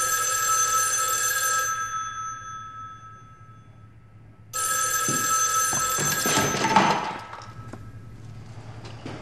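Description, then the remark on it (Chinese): An old-style telephone bell at the Beiping branch bank vault rings loudly in two bright, metallic bursts with a pause between them. The second ring breaks off into a few clunks and clatter as it is picked up, with no voices. “电话也不敢接了。”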